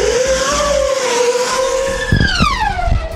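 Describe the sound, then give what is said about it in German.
A small black high-speed drone named Blackbird, with carbon-fibre propellers, screams past with a loud, steady motor whine that rises slightly, then sweeps downward in pitch as it zooms away, with gusty rumbling bursts near the end. It set a 700 km/h record in test flights. “Bei Testflügen hat eine Hochgeschwindigkeitsdrohne mit dem Namen Blackbird einen Rekord aufgestellt.”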